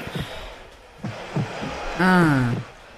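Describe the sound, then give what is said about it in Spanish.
Soft, muffled heartbeat thumps pulse at a slow, steady pace, then a sustained melodic tone swells in as the music begins. “Hay un latido.”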